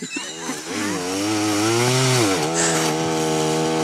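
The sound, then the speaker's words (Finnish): A chainsaw cuts through wood for several seconds, its engine note loud, dipping and bogging slightly as the chain binds in the cut because the saw is pushed too hard, with no talking over it. “Miksi se leikkaa tolleen kiinni? Miksi se vähän, niin se vähän työntää sitä sahaa liikaa sinne.”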